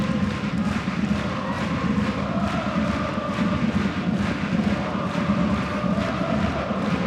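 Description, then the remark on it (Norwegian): A steady, dense roar of Lillestrøm supporters (Kanarifansen) and Fredrikstad supporters fills the stadium during a Lillestrøm versus Fredrikstad football match, with sustained chanting voices rising and falling in a continuous wash of crowd noise and no single voice standing out. “Skaper bra med lyd av både Kanarifansen og Fredrikstad-supporterne i denne kampen”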